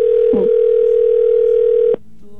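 A steady telephone dial tone hums loudly and continuously for about two seconds, then cuts off abruptly, with a faint brief voice-like blip near the start, as a call is placed live on the radio station Cristal 93.3.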